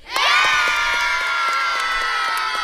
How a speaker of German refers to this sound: Vielleicht noch ein abschließender Jubel.